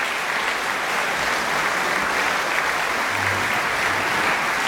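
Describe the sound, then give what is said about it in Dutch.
Sustained, dense applause from a large concert audience in a full church hall for the Belcha Quartet after Beethoven string quartets, before the intermission of a summer evening concert, steady and loud throughout with no pauses or voices standing out. “Ze komen nog een keer op voor het applaus van het publiek hier voor de pauze in ontvangst te nemen.”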